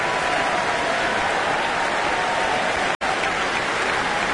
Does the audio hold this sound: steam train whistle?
no